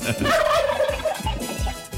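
A turkey gobbles loudly, a rapid, warbling burst of throaty notes lasting about two seconds, with no one talking.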